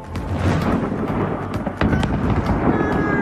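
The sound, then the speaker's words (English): A thunderous, sustained roar of explosions with sharp crackling bangs popping through it, like fireworks going off in a big blast, loud and continuous with a sudden louder burst partway through. “All I see is fireworks, and not in a good way. That will catch your attention for sure. What caused this massive explosion?”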